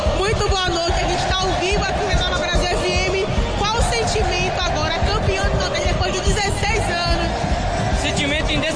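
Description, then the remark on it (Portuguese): A dense, loud roar of Vitória football fans celebrating a championship in the stadium fills the whole stretch, many voices shouting, singing and cheering at once in a steady, celebratory din with sharp whoops rising out of it. “Só consegue gritar e pular e comemorar”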